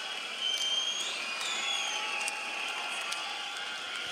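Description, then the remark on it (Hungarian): A rock concert crowd roars in a sustained ovation, dense cheering and shouted chanting of a mock insult at the band filling the space, with sharp whistles cutting through now and then, loud throughout. “Na most lebuktam, hogy hol vettem fel ezt a közönségovációt.”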